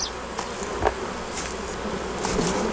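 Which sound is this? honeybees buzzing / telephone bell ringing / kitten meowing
honeybees buzzing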